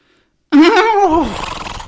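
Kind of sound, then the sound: animal, horse neighing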